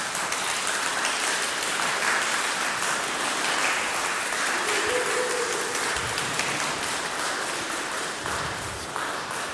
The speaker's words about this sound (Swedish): Vad härligt det var. Får de en applåd eller?